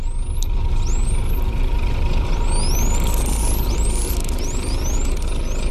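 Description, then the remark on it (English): A bottlenose dolphin's signature whistle: a series of about seven high, rising chirps repeating in quick succession over a constant hiss and low underwater rumble, with no voices. “I want to hear a little bit of a bottlenose dolphin whistling.”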